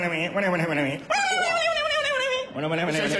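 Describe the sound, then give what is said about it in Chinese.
A man's voice mimics a barking dog, a run of gruff yapping barks, then a drawn-out whining howl, then more barking. The imitation is loud and continuous, with no other sounds. “就算找着了，再出来一个不会说人话的，冲我那直叫唤。”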